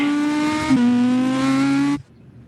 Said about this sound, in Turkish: Jean-Louis Schlesser muhteşem arabasıyla depara kalktı. 10 numara, 10, Zidane gibi.